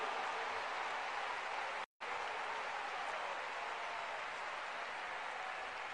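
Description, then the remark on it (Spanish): Sustained applause from a large audience, a dense steady wash of clapping with a brief break just before two seconds, continuing evenly without any voices. “¿Cuánto le dan un aplauso a esa presencia divina?”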